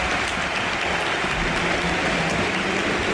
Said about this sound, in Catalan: Aplaudeix el públic dret, acomiadant Rafinha, que també retorna els aplaudiments.